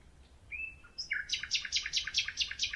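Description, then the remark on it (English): A lone male nightingale sings in the middle of the night against a quiet background: a thin sustained whistle, then a rapid, rhythmic run of about eight repeated bright notes, clear. “In the middle of the night, I satisfied my desire and recorded a lone male nightingale singing in the dark.”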